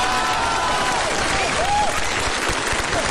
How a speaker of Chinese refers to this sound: 转过去，转过去就是一片掌声啊。 好 啊，鼓掌的都是懂艺术的。